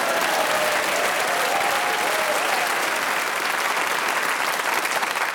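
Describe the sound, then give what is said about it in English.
Steady, sustained applause from a studio audience, a dense wash of clapping hands at an even loudness throughout, with no speech over it. “And you applaud him.”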